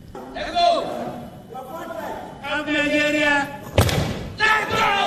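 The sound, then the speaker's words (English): A crowd at a Commonwealth Games weightlifting competition shouts and yells "let's go" in loud, excited bursts of voices, with a heavy thud landing partway through before the cheering surges again. “As the crowd yells, let's go.”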